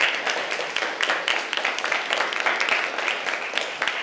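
A group of students claps steadily for several seconds, a dense, continuous patter of many hands at close range, fairly loud and without any talking over it.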